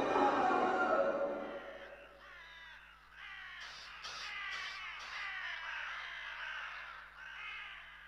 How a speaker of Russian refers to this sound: Наступила тишина, только каркали вороны.